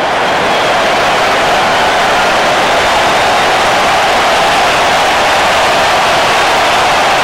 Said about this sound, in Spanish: Bueno, pues Alexis Vega, el 10 de México, va a entrar al terreno y sale Quiñones. Le van a aplaudir y lo escuchamos.